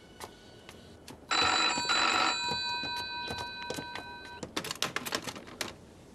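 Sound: telephone ringing unanswered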